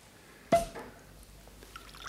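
Champagne is poured into a glass in one short, splashy burst with a sharp start, then a fainter gurgle and soft fizz fading into quiet. No one speaks.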